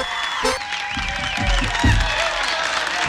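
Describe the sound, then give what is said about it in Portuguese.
A crowd applauds steadily for a few seconds in honour of Santo Antônio, dense clapping mixed with cheering and high whistles, with a low rumble of voices underneath. “Os aplausos aí para Santo Antônio, porque esse programa também tem Antônio.”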